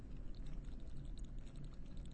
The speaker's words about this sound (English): And in fact, some of the bubbling you hear in a boggy bubble bath, boggy bubble bath, are methane bubbles, because there's a lot of gas buildup from all the slowly decomposing vegetation.